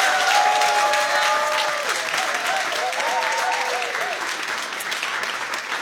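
Sustained, dense audience applause at the P4 Nästa Stjärna 2026 final, given to all the contestants before the winner is revealed, fills the whole clip at a steady, loud level, with scattered whoops and cheers rising above the clapping.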